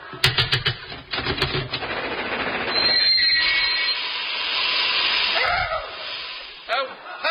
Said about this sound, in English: Train. Ah! How nice of you to meet me at the station, Major.